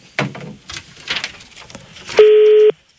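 A loud, steady telephone ringing tone sounds once near the end, a single short electronic burst that follows a stretch of quiet clicks and rustling, as the Galaxy 92 radio morning show calls a listener.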